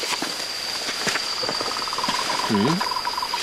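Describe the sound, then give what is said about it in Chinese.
A Moltrecht's tree frog calls at night with a rapid, even train of short clicking pulses at a mid pitch, over a steady high insect whine, with a brief low warbling croak midway. “因为这个声音如果没听错的话，它应该是末世树哦。 啊，末世树蛙哦。”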